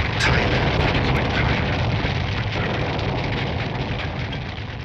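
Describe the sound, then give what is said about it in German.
A loud, steady roar of burning aircraft wreckage after a plane crashed with a loud bang and huge explosion into a field beside a road, with dense crackling and a deep rumble that holds for several seconds without letting up. No voices are heard. “Rauch, Trümmer, brennende Flugzeugteile.”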